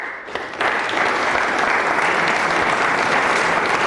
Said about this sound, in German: Nach über einer Stunde ist der Auftritt vorbei und dort zu Zofingen im Kulturhaus West gibt es Applaus.